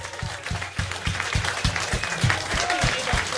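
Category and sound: crowd, audience applause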